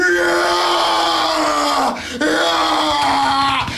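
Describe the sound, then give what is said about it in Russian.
A man imitates the straining yell of a gym lifter doing squats: a loud, drawn-out groaning shout that dips and breaks briefly halfway, then resumes just as forcefully, with no other talk. “Там не понять, они все орут, смотрите.”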